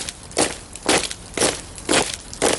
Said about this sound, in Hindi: 6 फरवरी सन 1948 की वो घनी सह रात, कुछ आगे बढ़ते कदमों की वो आहट जो कभी थोड़ी थम जाती तो कभी साफ सुनाई देती थी।